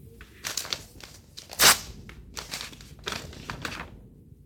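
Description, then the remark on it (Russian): Paper crinkles and rustles in a run of irregular, dry bursts, with one sharp, louder crackle partway through as a perfumed anonymous letter on vellum paper is handled and unfolded. No one speaks. “Письмо? От кого бы это? А, еще одна анонимка. Надушенная на веленевой бумаге.”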